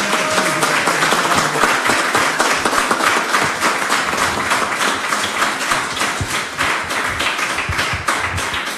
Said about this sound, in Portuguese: mas nós queremos te agradecer e te aplaudir, Senhor, pelas tuas maravilhas. Isso, aplauda mais forte, aplauda mais forte.